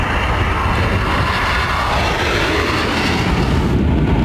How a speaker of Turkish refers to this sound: İlk uçuşunu 21 Şubat'ta yapan 5. nesil Milli Muharip Uçak Kaan, 6 Mayıs'ta da ikinci uçuşunu gerçekleştirdi.